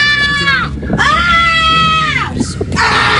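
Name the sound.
person shouting loudly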